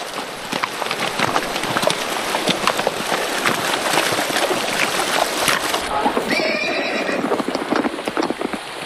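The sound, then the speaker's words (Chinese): Several horses carrying a patrol wade across a narrow, gravel-bedded river in the rain, hooves splashing and clopping steadily in rushing water, with a brief whinny rising partway through. “抓紧马缰绳，防止马金马之后乱跳。”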